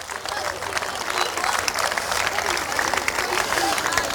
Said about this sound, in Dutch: En ik wil om te beginnen een applaus voor deze spelers die in een tropische hitte de wedstrijden hebben afgewerkt.